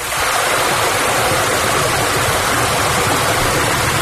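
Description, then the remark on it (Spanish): Water from a fountain falls and splashes without pause into its basin, a steady, dense rushing that holds an even loudness for the whole stretch, with no voices present. “Me llamaba mucho más la atención la brisa fresca golpeando en mi cara, el sonido del agua de la fuente al caer de manera constante.”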